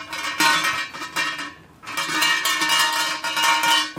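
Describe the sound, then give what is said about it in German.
A shrine bell hanging atop a thick bell rope, shaken by the rope to alert the gods before making a wish, rattles and jangles in bright metallic bursts, a brief pause in the middle before the clanging clatter resumes, loud and with no voices. “Oben hängt eine Glocke dran. Und da muss man einmal schön schütteln.”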